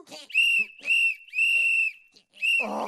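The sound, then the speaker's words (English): A trainer blows a shrill whistle loudly in four sharp blasts, the third held longest, with a rough noisy burst breaking in under the final blast. “okay, just stop blowing the whistle!”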